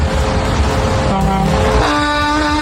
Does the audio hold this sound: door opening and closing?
no